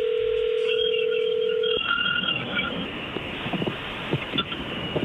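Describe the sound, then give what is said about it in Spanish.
A telephone call being placed: a steady, mid-pitched dial tone holds for about two seconds, then gives way to hissy line noise with faint tones and scattered clicks. “Muy bien, es más, le va a llamar el lobo, no haga ruido, ahí se está marcando.”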